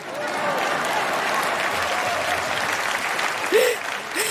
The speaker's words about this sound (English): Then, go ahead, clap.